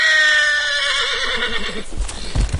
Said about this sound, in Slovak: Môžeš mi povedať, čo s tým koňom robíš, hej, takýto zjančený?